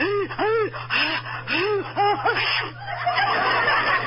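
A run of quick, gasping voiced breaths builds up before breaking into a noisy, spluttering sneeze, fairly loud, with a steady low hum underneath.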